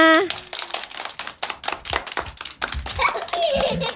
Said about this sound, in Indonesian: Baik, tepuk tangan semuanya.